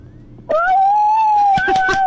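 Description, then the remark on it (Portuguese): A child imitates a wolf howl: one long, loud, high-pitched vocal tone that starts abruptly after a brief hush and holds steady, wavering slightly, until the end. “Como é que faz o lobo pro palhaço maionese ouvir?”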